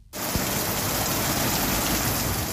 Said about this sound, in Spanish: pero eso sí, la protagonista este jueves por la tarde ha sido la lluvia.